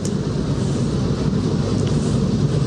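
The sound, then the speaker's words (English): A steady, heavy rumble of a freight train rolling past in New Mexico, right off Route 66, loud and unbroken for the whole stretch, with a windy roar mixed into the low clatter and no voices. “So we see the Red Mountains in the distance, and the freight train, and some of the cars are very red.”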